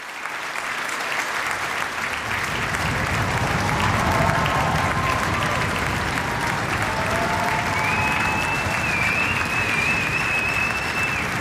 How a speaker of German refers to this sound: Achtzig junge Menschen, sie spielen mit bedingungsloser Hingabe und das Publikum in der Stadthalle Kleve feiert das Landesjugendorchester und dankt, wie es kann, mit Applaus und Getrommel und Gejohle.